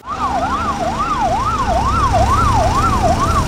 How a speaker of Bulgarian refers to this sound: Свалиха ме долу на тревата, легнах и само чувам как линейките една по една идват.